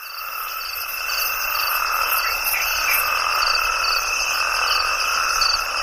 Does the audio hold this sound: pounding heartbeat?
no